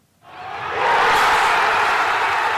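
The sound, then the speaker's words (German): Hundreds of thousands of football fans roar around the Obelisk in central Buenos Aires, Argentina, at the final whistle of Argentina's 2:1 win that put them into the final; the cheering swells quickly from near silence into a loud, sustained wall of noise that holds steady to the end. “Und das hat am Abend in Argentiniens Hauptstadt Buenos Aires für endlosen Jubel gesorgt”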